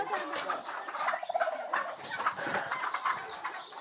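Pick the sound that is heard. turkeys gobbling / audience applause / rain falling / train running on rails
turkeys gobbling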